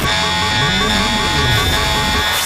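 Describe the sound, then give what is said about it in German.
The FM1 radio Open Air Alarm contest jingle: a loud, steady buzzing alarm tone sounds continuously for a couple of seconds, with a lower, wavering tone moving underneath. “Der FM1 Open Air Alarm.”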